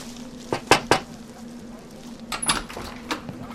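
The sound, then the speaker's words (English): Three quick, sharp raps on a stranger's door, followed a moment later by a few softer knocks and clatters, over a steady low electrical hum. “Lord, we ask you to protect us from harm and provide for us as we're about to knock on this stranger's door.”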